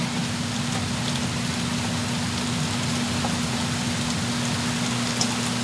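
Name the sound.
rain shower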